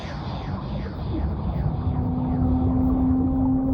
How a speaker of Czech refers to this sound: To není žralok. To je velryba přece.